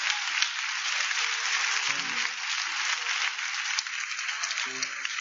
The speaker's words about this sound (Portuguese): Podem bater as palmas para Jesus.